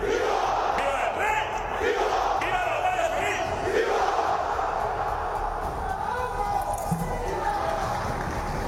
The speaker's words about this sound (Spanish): ha estado marcado por los gritos de ¡Viva la UCO!, que varios asistentes han lanzado cuando se encontraban en la tribuna tanto el ministro del Interior, Fernando Grande Marlaska, como la directora general del cuerpo, Mercedes González.